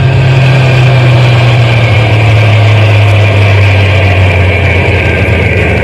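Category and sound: vehicle, truck engine idling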